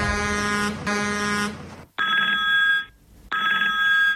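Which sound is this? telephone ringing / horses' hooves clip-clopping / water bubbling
telephone ringing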